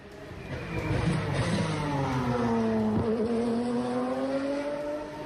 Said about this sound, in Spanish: Ya rugen los primeros motores sobre el circuito madrileño de Madrid. Que no se asuste nadie, no es que se haya adelantado la fecha del Gran Premio de España, que sigue teniendo prevista su celebración el fin de semana del 12 y 13 de septiembre.